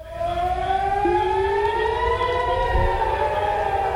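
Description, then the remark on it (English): Air raid sirens wail steadily over the city of Haifa, Israel, after Iran launched a salvo of missiles toward Israel, their long rising tones overlapping and echoing, loud and continuous with no voices. “Sirens in the city of Haifa after Iran launched a salvo of missiles toward Israel.”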